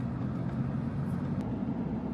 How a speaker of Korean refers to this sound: 탁실라는 페샤워르로 가는 길목으로 화려하게 꾸민 트럭들이 도로를 달립니다.